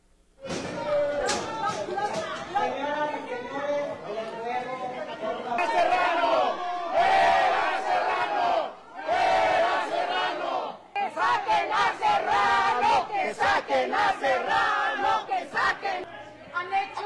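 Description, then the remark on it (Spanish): Protesters at the Congress of San Luis Potosí shout and chant loudly and continuously, with scattered thumps and bangs as they force a door, the voices surging and overlapping throughout. “Bueno, pues ayer dieron portazo en el Congreso de San Luis Potosí.”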